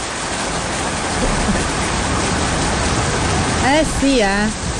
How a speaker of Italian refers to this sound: Forse piove, signore e signori, finalmente la tanto attesa pioggia è arrivata.